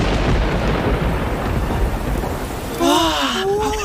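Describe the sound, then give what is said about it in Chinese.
Heavy rain pours steadily with a deep, rolling thunder rumble underneath, loud; near the end a voice briefly cries out over the downpour. “哇，真的下雨了！”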